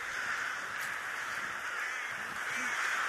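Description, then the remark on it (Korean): A dense, continuous chorus of rooks cawing en masse as they begin to enter their roost in a bamboo grove, the overlapping calls blending into a steady wash of sound, with no voices. “이제 때까마귀가 잠자리인 대숲으로 들어가기 시작하는데요.”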